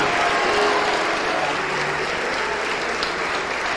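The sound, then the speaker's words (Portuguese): A church audience clapping hands continuously, a dense, steady wash of many claps, fairly loud, sustained throughout without pause or speech. “Igreja, deixa, para um pouquinho as palmas, para um pouquinho as palmas, para.”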